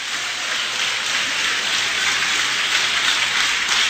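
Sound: audience applauding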